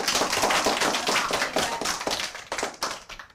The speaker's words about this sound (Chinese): 没 有，还有一个掌声。